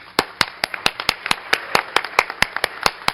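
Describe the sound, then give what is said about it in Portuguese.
Audience applause at the Legislative Assembly of São Paulo: sharp, evenly spaced claps ring out in a steady rhythm, about four per second, fairly loud over a faint bed of background noise, with no talking. “E hoje os aplausos vão para vocês.”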